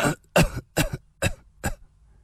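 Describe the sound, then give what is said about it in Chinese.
A rapid series of about five harsh coughs comes in steady succession, each burst short and rough, with no talking around them. The coughing is Li Xunhuan, a story character, who coughs without stopping as soon as he starts to speak. “他一开口说话就不停地咳嗽起来。”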